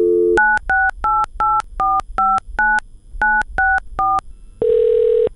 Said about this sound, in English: In thinking about who I wanted to talk to about this, I decided to pick up the phone and make a call.